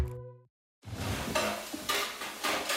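A brief tonal note fades into a short pause, then a spoon scrapes and clatters against a pot and pan in rhythmic strokes over a steady, sizzling cooking noise, fairly loud.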